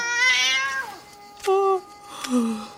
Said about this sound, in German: Wo willst du jetzt so schnell hin? Ich schwöre, diese Katze ist nicht normal. Was? Jetzt doch nicht in die Küche? Wohin jetzt? Gut, du willst nach draußen. Verstanden.